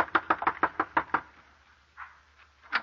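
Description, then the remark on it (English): A rapid run of about eight firm, loud knocks on the wooden front door of an old-timer's shack at Hermit's Crossing around sundown, followed by a pause and a couple of fainter, muffled sounds. “So, just as I'd always done, I left Johnny in charge, rode down to the old-timer's shack, and knocked on his front door.”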